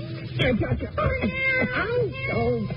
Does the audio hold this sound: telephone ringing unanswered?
no